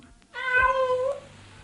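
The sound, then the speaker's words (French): A single drawn-out meow from a cat being rescued by a firefighter with a ladder, clear, rising into a strong harmonic wail for nearly a second before trailing off, with quiet background and no talking. “Voilà votre chat, madame.”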